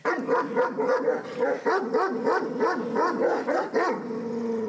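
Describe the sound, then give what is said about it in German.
Kangal puppies, nearly 10 weeks old, yip, bark and whimper in a rapid, overlapping chorus of high, rising-and-falling cries that continue steadily for several seconds with no talking. “Strenges Durchgreifen, aber auch viel Zuwendung sind wichtig im Umgang mit Kangals.”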